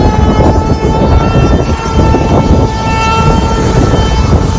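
A tornado warning siren wails steadily and loudly throughout at Aquadale Beach as tornadoes touch down on a Friday afternoon, its sustained tone riding over a dense, rumbling background noise with no voices present.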